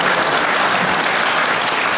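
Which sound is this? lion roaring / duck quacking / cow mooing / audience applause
audience applause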